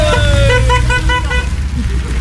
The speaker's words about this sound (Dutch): Maar er komt weer een auto, maar die moet rechtdoor. Niet te hard.